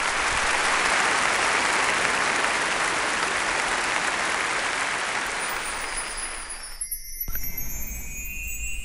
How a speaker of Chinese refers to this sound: 尽管如此，剧场里还是爆发出了雷鸣般的掌声。鬼怨终于演完了。